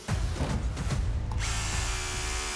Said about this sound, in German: Ja, der Bohrer ist durch, über ein Eisen drunter. Wir haben genau dort, wo wir das Zeichen gemacht haben, natürlich ein Armierungseisen drunter.